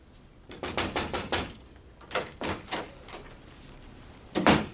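Knocking on a door, with a quick run of about five raps, a pause, three more knocks, then one final louder thump. The knocks are close and fairly sharp, with no voices.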